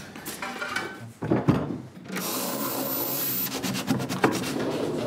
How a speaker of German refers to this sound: Und wenn ich dann nachher alle Fähnchen richtig gesetzt habe, öffnet sich wieder eine Schublade und einen Schlüssel erhalte ich.